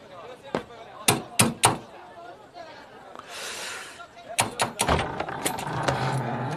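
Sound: knocking on a door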